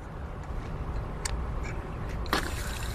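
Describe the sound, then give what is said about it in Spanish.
Water gushes steadily from an opened water stopcock (a shutoff valve, or maintenance tap), a continuous rushing splash with a couple of brief, sharper spurts partway through; no one speaks. “Y ahora tenemos agua.”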